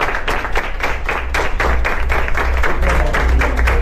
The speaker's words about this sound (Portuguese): Os aplausos anunciam mais uma captação de órgãos.